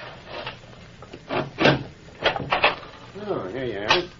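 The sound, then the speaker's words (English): A wooden door is unlocked and pulled open: a few sharp knocks and clunks, a scraping rub, then a brief creak, with a voice murmuring near the end. “Open the door!”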